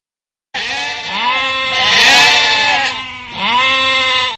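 A sheep bleats loudly: one long, wavering bleat followed straight away by a shorter second call, with no talking.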